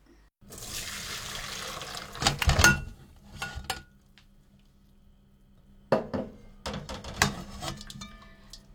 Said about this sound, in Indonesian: Kalau mudah ditusuk, berarti ubinya sudah matang. Angkat dari kompor, lalu tiriskan pada saringan.